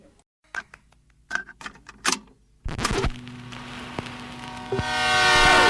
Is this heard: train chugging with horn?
yes